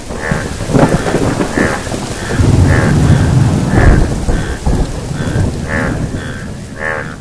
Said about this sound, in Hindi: टर टर सुनकर बादल आए और झूम कर बरसे।